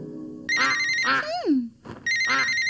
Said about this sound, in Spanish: Escucha un timbre. ¿Qué podrá ser?